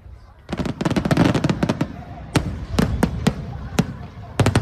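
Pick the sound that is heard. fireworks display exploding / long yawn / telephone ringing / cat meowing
fireworks display exploding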